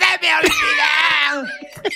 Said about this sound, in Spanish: Una familia cantando una pero canción. Que llega el gritito. Y llega el del berrido, mira. Oye, pues lo afina, ¿eh?